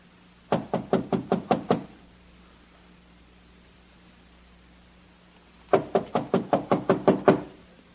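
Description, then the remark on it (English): Two bursts of rapid knocking on an apartment door at the head of the stairs, about seven sharp raps each, separated by several seconds of quiet with a faint steady hum underneath. The knocks are fairly loud. “Why didn't you answer my knock?”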